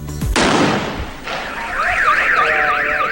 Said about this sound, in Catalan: Clar, se te'n va la olla, llences un petard, pum, a l'arma del cotxe.